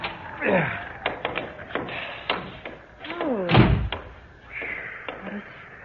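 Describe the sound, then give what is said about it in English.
A door handle is rattled and worked in a series of sharp clicks and knocks, then a heavy thud as the door swings open, with brief voices murmuring in between. “Oh, for heaven's sake, try the door.”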